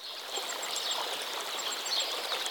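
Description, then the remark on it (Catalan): Quick, high twittering calls from hundreds of swallows flying over a green wheat field flicker over a steady airy hiss; the calls are light and continuous, with no voices present. “L'escena no pot complementar-se millor que amb els centenars d'oronelles per tot arreu que sobrevolen aquest horitzó vegetal amb vols fulgurants de blau metàl·lic.”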